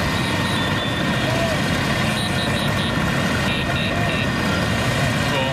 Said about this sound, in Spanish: De sus países tocando el claxon, como decimos, y esa postal tan bonita, tan italiana, de las 10.000 Vespas recorriendo las calles frente al Coliseo Romano.